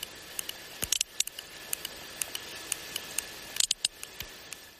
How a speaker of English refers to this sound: Now that's the sound of a sperm whale from the eastern Mediterranean. A bit pacier, closer to the other dance mecca of Ayia Napa.